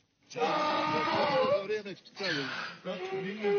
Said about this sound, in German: So klingt ein Esel, wenn er Hunger hat.